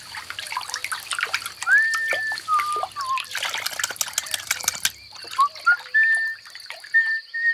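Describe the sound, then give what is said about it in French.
Water trickles and dribbles steadily for several seconds, with small bubbly, gurgling chirps rising over the flow, as a ladybird bathes in a drop of water on a green leaf. Moderately loud, with no voices. “La coccinelle s'allonge dans la goutte d'eau.”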